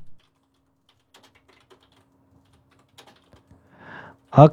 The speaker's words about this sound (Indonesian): Alright, lagi mengetik typing nih teman bro 2.